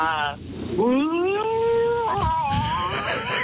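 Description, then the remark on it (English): A person imitates a whale call to answer a quiz question, long, wavering, rising and falling vocal tones in one continuous stretch with a breathy hiss underneath. “Can you answer the question talking in whale?”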